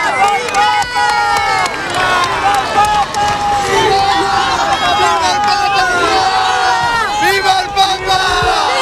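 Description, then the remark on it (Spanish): A dense crowd in Spain shouts and cheers continuously as a car arrives amid black, white and bay horses, many overlapping voices rising and falling in a loud, steady roar with excited high-pitched calls throughout. “La hermosura de los caballos negros, blancos, bayos, blancos de nuevo, los gritos y el calor.”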